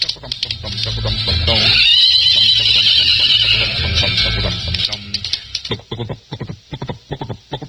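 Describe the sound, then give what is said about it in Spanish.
A loud, shrill horse whinny rises and wavers for a few seconds near the start, then fades into quieter rustling and the faint sound of people talking. “Ya llegó el ingeniero. Buen caballo.”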